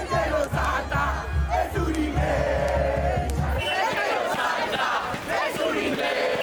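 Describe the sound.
A huge crowd of football fans chants and cheers in celebration at the Plaza del Obelisco in Buenos Aires, Argentina, a dense, steady roar of many voices singing together, with a low rumbling undertone that drops away about halfway through.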